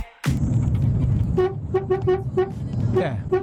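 A weak, thin vehicle horn honks in a series of short, irregular toots, maybe six or seven, over a steady rumble of street and engine noise.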